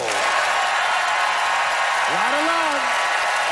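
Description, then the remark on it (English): Steady, dense applause from an audience voting by applause for a debater fills the whole clip at an even level, with a brief rising whoop or cheer cutting through partway. “It is time for our audience to vote by applause”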